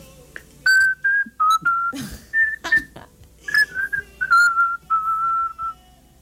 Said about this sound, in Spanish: Es una que dice, se la voy a chiflar. Sí, híjole. A ver si encuentro la tonada, a ver, venga.